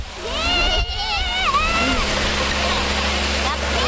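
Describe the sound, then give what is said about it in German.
A fire hose nozzle, held with one hand and turned open at the front, sprays water in a steady, loud rushing hiss that runs without a break, with a low pump-like hum beneath and voices talking over it. “Wassermarsch, genau. Und jetzt drehst du vorne auf.”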